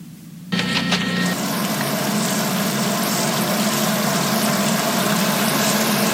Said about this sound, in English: Hey, the grass needs watering. I better turn on the sprinklers.